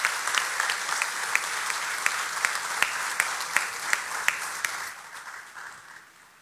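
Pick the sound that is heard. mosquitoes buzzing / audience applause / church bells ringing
audience applause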